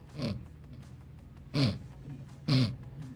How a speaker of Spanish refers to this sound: Sí, está roncando. Oye, mira. Oye, ven, le voy a poner el micrófono. Checa.